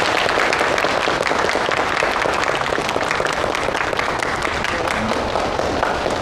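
Steady audience applause fills the whole stretch, a dense, even wash of many hands clapping at constant loudness with no voices standing out.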